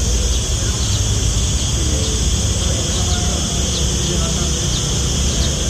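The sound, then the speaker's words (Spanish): A dense chorus of cicadas buzzes loudly and without pause in a park in Toledo in summer heat, a shrill, steady drone with faint rhythmic pulses running through it. “El sonido de las chicharras, ¿eh, Carlitos?”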